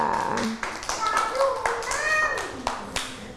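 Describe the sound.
A group of children clap their hands in a dense, uneven burst of applause lasting several seconds, with high children's voices chattering and calling out over the clapping.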